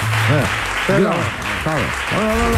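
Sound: applause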